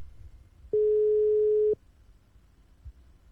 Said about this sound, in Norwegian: Og nå ringer det hos Gro.